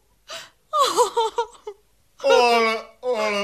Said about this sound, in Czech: Ale, paní Teresko, nač ten pláč?